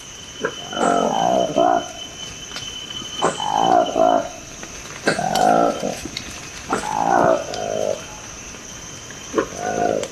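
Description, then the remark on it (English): A newly discovered Likweli monkey of the Democratic Republic of the Congo calls in five loud, throaty bursts, each a rapid pulsing series of low harmonic notes, repeating roughly every two seconds over a steady high insect whine. “This is the remarkable sound of a newly discovered monkey in the Democratic Republic of the Congo.”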